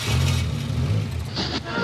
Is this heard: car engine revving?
yes